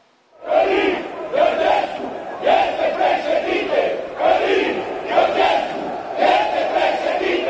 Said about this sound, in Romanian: Asta au strigat în Piața Victoriei cei pe care fermierii i-au acuzat că au deturnat protestul lor.